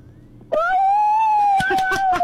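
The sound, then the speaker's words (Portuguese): A child's voice imitates a wolf howl for a clown called Palhaço Maionese to hear, one long sustained tone that rises slightly and holds steady before wavering near the end, with a few short breathy sounds breaking in. “Como é que faz o lobo pro palhaço maionese ouvir?”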